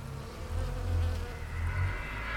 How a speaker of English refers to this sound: We're going to be hearing recordings entitled Tombstoning Off Portland Rock, Bees in Lavender Bush, Halfway Up Steep Climb to Top, and his contribution to the World Listening Day 2013 sound map entitled Listening After Work.